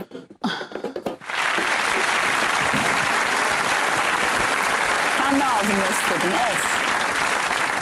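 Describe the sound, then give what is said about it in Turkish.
A crowd breaks into sustained, dense applause after a brief moment of sound, the clapping holding steady and loud for several seconds, with faint voices mixed in underneath. “Alkış.”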